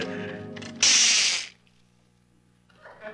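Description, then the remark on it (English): A kitchen clock being wound: a short, loud burst of rasping, ratcheting mechanical noise lasting under a second, followed by a low steady hum and quieter sounds. “Oop, almost forgot to wind the kitchen clock.”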